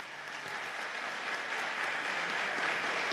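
An audience claps steadily for a participant in a competition, a dense wash of many hands with no distinct individual claps, growing slightly louder toward the end. No voices are heard.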